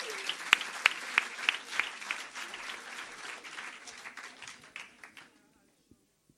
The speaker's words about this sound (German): Meine Damen und Herren, hier ist für uns die zweite Person aus Leipzig, Josephine von Blütenstaub. Applaus bitte für Josephine von Blütenstaub!